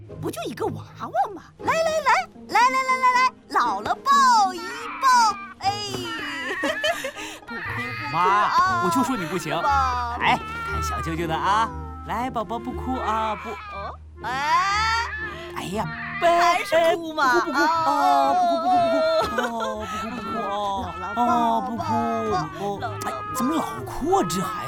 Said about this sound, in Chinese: 这两个就是智能仿真娃娃，它是完全按照婴儿作息的实践来设计的，所以不管是哭或者换尿布或者任何状况，都是用哭声来表达的。